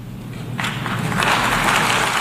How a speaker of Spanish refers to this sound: Como ven también los sicarios le aplauden cuando entra este mentecato.